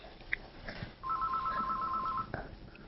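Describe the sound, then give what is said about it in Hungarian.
A telephone rings once with a rapid warbling trill lasting about a second, clear and moderately loud against a faint background hiss, with no one speaking. “És itt a telefon.”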